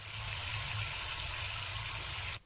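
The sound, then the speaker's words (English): Water runs and splashes steadily for a couple of seconds as plastic bowls are washed with soap and clean water, then cuts off abruptly near the end. The sound is fairly loud, with no talking. “Yes, it's soap and clean water, you need to wash it.”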